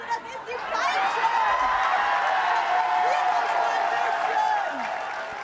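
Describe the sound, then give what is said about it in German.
An audience in Plau am See cheers and applauds as actress Annette Frier comes down the stairs, a steady, dense roar of clapping mixed with whoops and shouts, holding at an even loudness for several seconds before easing off at the end. “Wenn eine Frier die Treppe runterkommt, dann jubelt natürlich Plau am See.”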